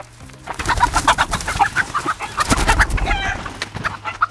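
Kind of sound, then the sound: bird, chickens clucking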